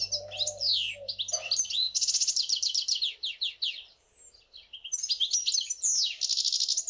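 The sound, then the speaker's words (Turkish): A songbird sings a long, varied song of rapid chirps, trills and whistled phrases, bright, with a brief pause midway before the song resumes. “Buna ötüş diyoruz, evet.”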